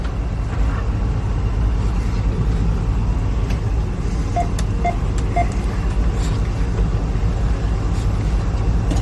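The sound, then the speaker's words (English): A freight train, reportedly carrying a lot of combustible materials, rumbles past through a wildfire in a steady, heavy low roar that stays loud throughout, with three short, evenly spaced beeps sounding briefly midway. No voices are heard. “And yes, this train reportedly was carrying a lot of combustible materials and stuff like that.”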